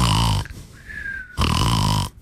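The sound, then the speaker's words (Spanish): Two loud, rough snoring snorts, harsh, separated by a short quiet pause with a faint thin whistle; they sound like a person exaggeratedly imitating snoring: the 'profe' (teacher) snoring in a radio parody skit. “El profe es bien obediente, mira. Está roncando.”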